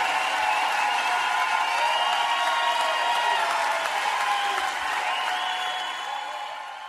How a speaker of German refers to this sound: Applaus, Applaus.